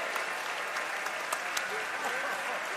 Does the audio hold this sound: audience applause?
yes